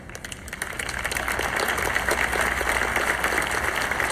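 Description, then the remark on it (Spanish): Steady audience applause, a dense wash of many hands clapping at once, starting a bit softer and swelling to a sustained, even level throughout. “Uy, los aplausos están disminuyendo hoy aquí.”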